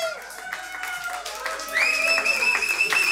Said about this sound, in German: Dankeschön an euch alle, dass ihr heute hier seid. Dankeschön. Einen großen Applaus für euch selber, bitte.